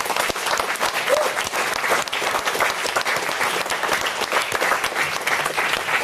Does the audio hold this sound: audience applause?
yes